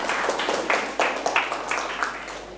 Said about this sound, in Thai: ปรบมือให้เพื่อนๆครับ